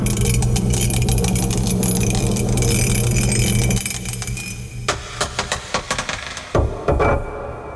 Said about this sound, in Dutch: Bij nummer 5 mogen we nog een keer dobbelen. En bij nummer 6 zoeken we liedjes waarvan de titel begint met de letter L. Oeps. Hey, breng even lekker binnen. Daar gaan we.